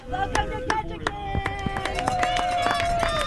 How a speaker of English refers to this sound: It's a rare sunny evening at a boat harbor in the heart of downtown Ketchikan. A few dozen spectators cheer on the northbound Nutters, a team of four men aboard a yellow, multi-hull sailboat that's gliding toward the dock.